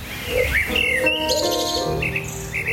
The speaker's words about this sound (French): De leurs fenêtres, ils peuvent entendre les roucoulements des pigeons perchés dans les marronniers.